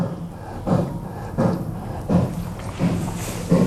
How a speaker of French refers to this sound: C'est un cerf qui s'apprête à bramer. Oui. Vous êtes unanimes tous les deux ? Oui. Alors, vous avez l'animal, effectivement, il s'agit d'un cerf. Mais il est en train de copuler. Non. Non. Donc, c'est pas le brame.